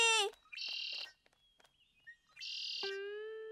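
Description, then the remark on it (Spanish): A voice imitates a blackbird's song in two loud whistled phrases with a brief pause between them. The trills slide up and down and are bright and chirpy. “¡Canción del mirlo!”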